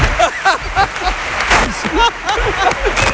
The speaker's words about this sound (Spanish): Es que me he fijado que estabas aplaudiendo ahora mucho, tú también. Estaban aplaudiendo ahí, yo, y tú estabas aplaudiendo más que nadie.